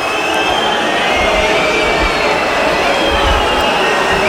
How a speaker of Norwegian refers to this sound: Oi, oi, oi. Oi, oi, oi. Hør publikum.